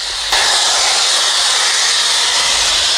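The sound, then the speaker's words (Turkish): A loud, steady roar of high-pressure natural gas blasting metres into the air from a pipeline punctured during work in Karadenizliler, Başiskele, Kocaeli, Turkey, a broad harsh hiss that jumps in abruptly and holds constant, with no voices. “Borudan yüksek basınçla çıkan gaz metrelerce havaya yükselirken çıkan yoğun ses çevrede paniğe neden oldu.”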